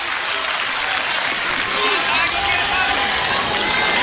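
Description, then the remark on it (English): A large baseball stadium crowd cheers and claps during a game with a 2-2 count, one out and a runner at first, in a steady, sustained roar that fills the whole stretch, loud and dense without any clear breaks or individual voices standing out. “Crowd again senses the moment.”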